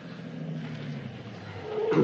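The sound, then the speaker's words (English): A car engine rumbles steadily as the vehicle slows and pulls in just past a theater, ending with a short high squeal, like brakes, as it comes to rest. “Leave the engine running? Shut it off.”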